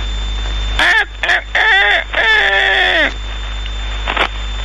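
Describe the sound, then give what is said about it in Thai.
A rooster crows loudly, one drawn-out call broken into several strained bursts that ends in a falling note. A brief faint squawk follows over a steady background hum. “สมัยก่อนก็เอาเสียงไก่สมัยนี้เอานาฬิกา”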